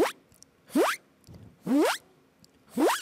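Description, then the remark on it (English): A voice imitates a zipper being closed: four quick, rising, breathy zips made with the mouth by breathing in with pressure inside the mouth, evenly spaced, with brief silences between them and no speech. “So I'll try the zipper sound. Oh. Which sounds like when you close the zipper.”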